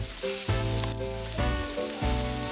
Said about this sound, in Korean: 농사 지은 표고버섯을 듬뿍 올려 돼지고기와 함께 구웠습니다.